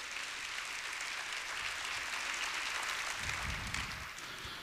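A church crowd gives a loud round of applause to the Lord, a dense wash of many hands clapping at an even level throughout, with no voices standing out above it.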